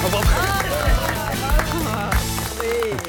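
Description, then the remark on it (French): An audience applauds steadily under a thumping music beat, with whoops and voices rising over the dense, continuous clapping. “Nagui, tu m'arrêtes ces applaudissements tout de suite.”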